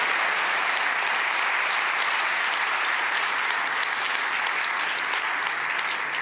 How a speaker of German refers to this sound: Einen ganz, ganz großen Applaus und danke für deine Arbeit